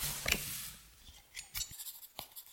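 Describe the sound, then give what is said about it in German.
Quiet scratching of a pen on paper as notes are taken during a crime-scene investigation, a few short, irregular strokes with soft rustling between them and no voices. “schreiben Sie mit.”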